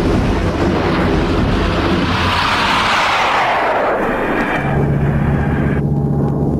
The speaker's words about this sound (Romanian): Ce-i asta? Ce se aude? Nimic, un avion. Aoleu, și exact în drumul nostru.